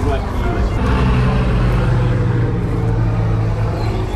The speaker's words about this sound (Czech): ty začaly pietou u Kašparovy rodinné hrobky na městském hřbitově, kdy nad hlavami lidí přeletělo malé elektrické letadlo. Přelétne nad našimi hlavami inovativní, moderní letoun 15 Phoenix.